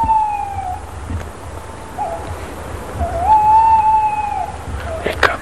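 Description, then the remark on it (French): A tawny owl sings, heard from a few metres from its tree, giving a long, wavering hoot, two drawn-out tonal notes rising and sustained, over a low rumble of background noise. “Elle va continuer à chanter tranquillement.”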